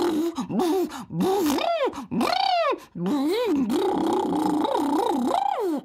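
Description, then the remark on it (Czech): A voice buzzes through pursed lips pushed forward as a lip exercise, imitating a car engine with a wavering, revving pitch that rises and falls in several bursts, with brief pauses between them. “A teď uvolníme pusinku a rtíky našpulíme dopředu a vydáme zvuk, jako třeba když předvádíme auto.”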